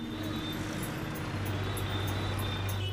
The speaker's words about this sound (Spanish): Siempre hay mucho tránsito en Hanoi.